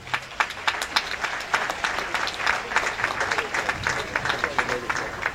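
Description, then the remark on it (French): A crowd applauds Italian guests steadily for several seconds, a dense wash of many hands clapping with sharp individual claps poking through at a fairly even loudness. “Voilà, vous pouvez applaudir pour...”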